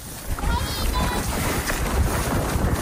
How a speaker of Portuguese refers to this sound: Vamos ter de deixar o vento entrar nesta história para conseguirmos navegar nesta costa Swahili com o horizonte no Oceano Índico. Não é erro de gravação, é a verdade da ilha de Moçambique, que em língua macua se diz... Onhipiti.